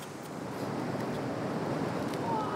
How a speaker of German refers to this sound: Weil er ist da ganz hinten drin, in der hintersten Felsspalte und greift die Muscheln so raus, weil die da so groß sind. Und ab und zu kommt eine Welle rein und haut ihn fast weg, aber das gehört wohl dazu.